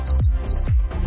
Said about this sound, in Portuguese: Nada, só grilos. Só os grilinhos. Cri, cri. É isso cri, mesmo. Cri.